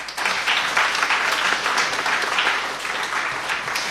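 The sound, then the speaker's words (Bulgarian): Sustained applause from an audience at the 15th awards ceremony of a singing ranking, as the laureates receive statuettes, a dense crackle of many hands clapping at a steady, fairly loud level throughout, with no distinct voices above it. “За 15-ти път лауреатите на класацията на пяване ще получат пред вас красивите статуетки, дело на художничката Александра Гайдова и най-важното вашите аплодисменти.”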